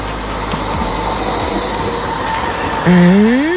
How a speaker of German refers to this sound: Das könnte eine Straßenbahn gewesen sein. Ich sag mal nichts dazu, aber theoretisch fahren ja in Essen viele Straßenbahnen, es könnte natürlich sein.